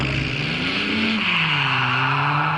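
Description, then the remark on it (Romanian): A Ford Mustang car engine revs loudly, its throaty pitch climbing and dipping across a couple of seconds with a steady rumbling roar and no voices. “Un Ford Mustang. Mi-am dorit o mașină.”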